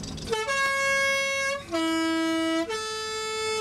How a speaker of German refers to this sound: Post hat das Postautohorn.